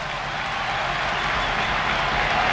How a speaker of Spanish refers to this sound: Pues se va, sí, sí, van a entrar el Montero, va a entrar Pulido, va a entrar Dani Rodríguez, sí, cuádruple cambio, y va a entrar, ojo, Álvaro Morata, ahí está la ovación.